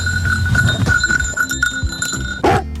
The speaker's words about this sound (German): Ich höre die Glocke. Sie kommt immer und immer und immer näher.